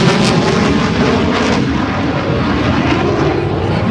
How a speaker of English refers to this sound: It's constant. Just reminds you, they're always out there. It looks like a Marine Corps F-18.